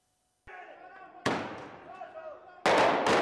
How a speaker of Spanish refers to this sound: Explosiones en las calles de La Paz, sede del gobierno boliviano. La policía responde con gases lacrimógenos.